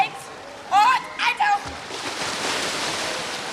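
High-pitched children's shouts ring out in short bursts, followed by a steady wash of splashing water as a swimming instructor romps with a group of schoolchildren in a pool during swimming lessons, the echoey bustle continuing.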